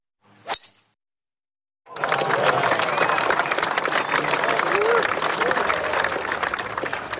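A single sharp golf club strike rings out on the first tee at the Arboretum golf resort, followed by a brief silence, then a large crowd bursts into sustained loud applause and cheering that continues to the end.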